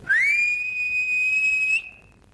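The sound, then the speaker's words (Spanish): An eerie, ghostly whistle swoops up briefly, then holds one steady, piercing high note for nearly two seconds before cutting off abruptly, leaving only a faint fading tail. No voices accompany it. “Le iba a saltar el alambrado limpito cuando sintió un silbido como de ánima, ¿no?”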